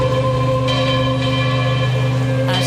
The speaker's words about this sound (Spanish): Olor a incienso, aroma, claveles y rosas, campanas repicando sin cesar y el sonido solemne de himnos cristianos mezclados con el calor de la mañana y el murmullo emocionado de los fieles.